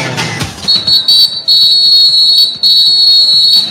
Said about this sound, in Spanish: Y el árbitro, el señor Clement Turpan, suena el pitazo y dice que el partido en la segunda parte ya arrancó.